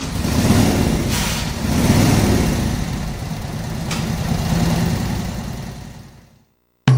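A motorcycle engine rumbles as the motorcycle arrives, its throaty revving swelling and easing a few times before fading out and cutting off abruptly, with no voices.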